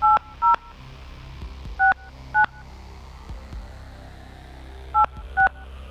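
A telephone number being dialed: six short, bright keypad beeps in three quick pairs separated by pauses, over a faint low background hum, with no talking.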